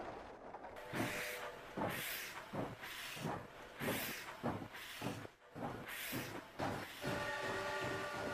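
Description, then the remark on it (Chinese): A steam locomotive pulling a train loaded with cultural relics departs Qianmen railway station in the early morning, chugging away in steady rhythmic bursts of hissing exhaust, with a sustained whistle-like tone rising toward the end; no one speaks. “第二天清晨，满载文物的火车驶出了前门火车站，人类历史上规模最大、历时最长的文物大迁移就这样开始了。”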